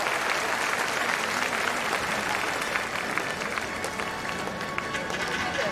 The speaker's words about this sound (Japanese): 第20回アジア競技大会2026愛知名古屋体操競技女子種目別決勝平均台レインボーホールによってアジアチャンピオンを決める戦いが繰り広げられています。会場の皆様、大きな拍手で選手にエールを送ってください。